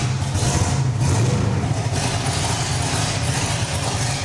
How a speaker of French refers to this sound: Tu peux me faire une démo de levée de la voiture pour voir ?